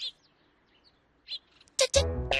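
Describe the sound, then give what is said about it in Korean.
Short, high-pitched mouse squeaks come in a few quick bursts with pauses between, then a louder, harsher burst and a rich, sustained cry take over at the end. “그런데 생쥐 소리가 들리자 생쥐를 보고 도망가다니 겁쟁이 고양이로군요.”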